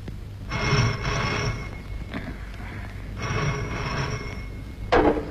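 A telephone rings twice, each ring a sustained trilling burst of about a second with a pause between, clear, with a short click at the end.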